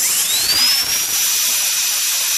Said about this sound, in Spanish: Para mí, el sonido que hacen los dentistas con las máquinas y el de la corcholata al revés, es raspándola en el suelo. ¡Pum! Son los peores, escuchen esto.